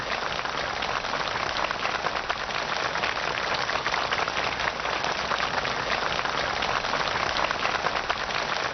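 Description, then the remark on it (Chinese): Accompanying officials and North Korean students clap warmly and steadily as Xi Jinping and Kim Jong Un shake hands and pose for photos before a tree-planting monument, a dense, continuous wash of applause at an even, fairly loud level throughout, with no voices heard. “在双方陪同人员和朝方学员们的热烈掌声中，习近平和金正恩在植树标志碑前握手合影。”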